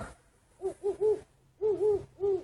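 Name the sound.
owl hooting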